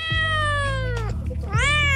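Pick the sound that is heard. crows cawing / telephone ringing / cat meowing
cat meowing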